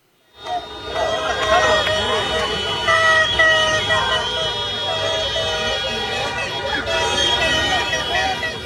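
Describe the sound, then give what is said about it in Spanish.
A loud, continuous night-time street celebration held as a serenade for the Ecuadorian football players: mariachi brass and blaring horns over a steady beat of drums, with rockets and fireworks, and a dense crowd clamour running underneath the whole time. “Escuchen nada más: mariachis, tambores, cohetes, fuegos artificiales, de todo hubo.”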